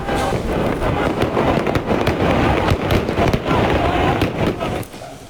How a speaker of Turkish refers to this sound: Kutlamalarda atılan havai fişekler çevredeki 3 iş yerine ve park halindeki bir araca isabet etti.